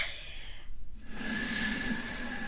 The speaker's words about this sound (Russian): Вот я сейчас дуну. Услышите?